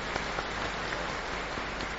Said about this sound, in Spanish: Así es que le damos un fuerte aplauso a él.